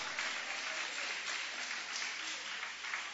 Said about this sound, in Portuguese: Toma o vosso assento, guarda a Bíblia com carinho e podem aplaudir a Deus. Pode louvar, pode exaltar. Aleluia!